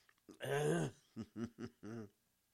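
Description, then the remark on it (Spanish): A drawn-out, throaty cough is followed by four short, voiced coughs in a quick, uneven rhythm, moderately loud, with no other sound around them. “Ay, Dios, se nos viene la tos y ahí, con la, y lo que duele el estómago, ¿verdad?”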